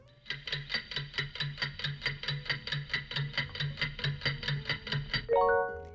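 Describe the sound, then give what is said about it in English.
A fast, steady countdown clock ticks about twenty times at an even rhythm, clear, then ends with a bright ringing chime, timing a three-second answer to a quiz question. No one speaks. “3 seconds on the clock.”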